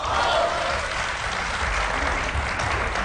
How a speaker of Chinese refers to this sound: 按说您各位一鼓掌 啊， 我就应当跟他唱一 出，这是自然的。